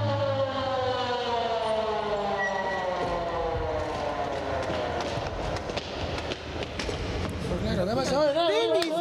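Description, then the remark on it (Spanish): A loud ambulance siren sounds over heavy road rumble as paramedics drive to the hospital. Its steady tones slowly glide downward, then it switches to a fast rising-and-falling wail near the end. “Los paramédicos estuvieron allí en minutos y yo subí en ambulancia con ellos.”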